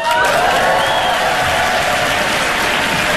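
Steady, dense applause from an audience fills the whole stretch, a loud continuous patter of many hands clapping with a faint murmur of crowd beneath.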